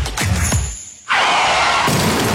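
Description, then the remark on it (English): A car crash: a skid-like rising whoosh, then a sudden loud impact at about one second with a broad burst of crunching, shattering noise that holds steady and dense to the end. “I've stacked my car.”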